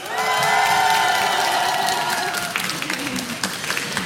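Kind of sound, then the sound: crowd, audience applause and cheering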